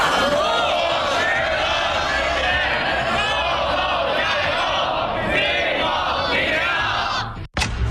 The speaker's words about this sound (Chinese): 接下来您将看到高考临近送祝福，500名学弟学妹为高三考生加油。